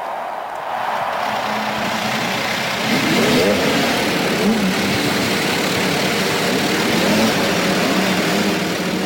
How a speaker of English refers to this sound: And gentlemen, start your engines.